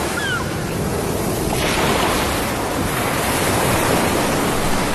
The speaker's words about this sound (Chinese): 1600多年前，在汹涌的风浪中，一片悠悠帆影向着崂山而来。